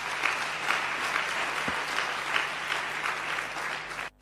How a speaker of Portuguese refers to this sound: Mas esta é uma questão muito importante e eu queria pedir uma grande salva de palmas para a deputada.